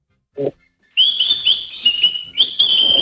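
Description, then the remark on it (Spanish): A bird whistles in a sustained, high, warbling stream, its bright notes rising and dipping with a few chirpy breaks, fairly loud, after a brief low sound at the start. “Porque el pájaro es otro ponedor como tú”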